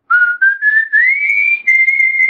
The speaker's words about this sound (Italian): Cos'è questo? Attenzione! Ha pure il fischio!